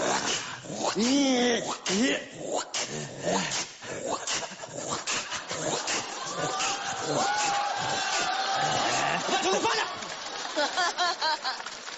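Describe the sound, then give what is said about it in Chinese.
A person mimics their family's dog with a loud run of yelps, whines and panting grunts, interrupted by excited exclamations, while a crowd laughs and reacts in the background. “学我们家狗啊！我们家狗就这样，狗就这样。”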